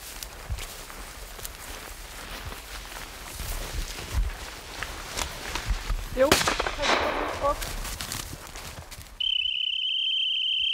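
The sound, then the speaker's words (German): A single hunting rifle shot cracks out across open ground amid rustling outdoor noise during hunting dog training, followed a few seconds later by a long, steady, high-pitched whistle blast that signals the dog to stop. “Das war super, genauso soll es sein mit Schuss und der Hund bleibt liegen und verfolgt das Wild nicht.”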